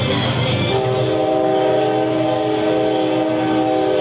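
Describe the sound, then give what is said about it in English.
A train rumbles past with a loud, sustained horn blast holding steady tones, the heavy low rumble of the cars filling the background throughout. “Train goes by.”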